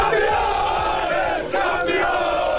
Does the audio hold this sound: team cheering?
yes